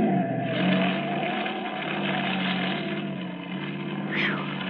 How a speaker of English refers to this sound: That screwball almost skidded right into us. Yeah, it wasn't his fault. It's this road. Yeah. Slippery. Oil truck turned over here day before yesterday.